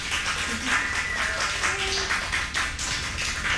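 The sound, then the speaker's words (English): Dense, continuous clapping from a group of people at a steady loudness, a crackling wash of many overlapping hand claps with no voices, applause after a live performance on KCRW's Morning Becomes Eclectic. “Clapping it up”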